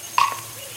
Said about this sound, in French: Le chant de l'aigle revient